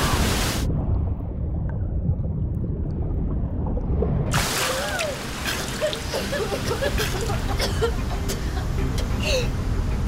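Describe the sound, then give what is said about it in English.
A loud, continuous roar of an ocean wave at the edge of a reef crashing over swimmers, surging and churning, turns muffled and dull for a few seconds as if heard from underwater, then bursts back bright with splashing and bubbling. “Here comes another wave. Hold your breath.”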